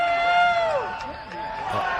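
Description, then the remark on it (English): A concert crowd chants together for an encore after a set by a band, many voices blending into a loud, sustained, droning chorus with pitch slides and a steady roar underneath. “Well, you can hear the crowd chanting for one more.”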